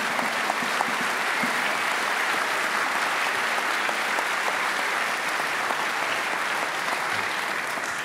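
An audience at a festival claps steadily and loudly for several seconds to congratulate a band member on a jazz scholarship, a dense, even wash of many hands with no break and no voices standing out.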